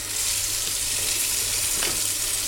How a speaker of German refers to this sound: Es wird Salat gewaschen.